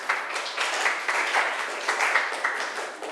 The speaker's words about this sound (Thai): ปรบมือให้เพื่อนหน่อยลูก